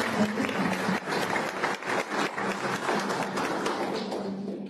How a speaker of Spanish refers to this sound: la representación de la Academia MJ Danzas, marcando presencia de esta manera. Fuerte los aplausos.